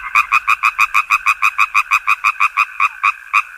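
A frog croaks in a fast, steady series of about twenty short, evenly spaced pulses, loud, with no one speaking.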